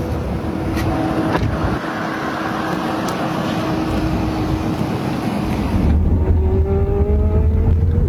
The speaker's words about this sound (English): So this is the world of autonomous driving, driverless cars. This is a Waymo. This is the vehicle I'm in. I'm going to arrive in 21 minutes. I'm taking a pretty long ride from the airport, from the Tampa airport to downtown Tampa,